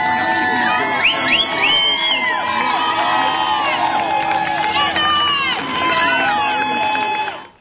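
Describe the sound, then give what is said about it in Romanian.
Hundreds of women gathered in the United States in support of a mother cheer loudly as they greet her lawyer, with high-pitched whoops and shouts rising and overlapping continuously, and scattered clapping beneath the dense roar for several seconds. “Susținătoarele l-au întâmpinat în ropote de aplauze pe avocatul femeii, pe care o consideră o victimă a”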